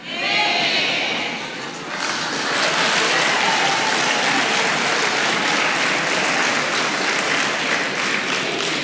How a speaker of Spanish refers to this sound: Ahora aplauden, hermano, qué hipocresía más grande.